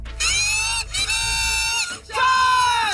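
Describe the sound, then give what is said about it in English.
A group of kazoos blares in loud, buzzy unison, three sustained honking phrases with slight pauses between, played by many fans together in the stands at a PWHL women's hockey game in Ottawa, led by the Kazoo Crew in Section 11, over a faint crowd murmur. “That's the original Kazoo Crew, started by superfan”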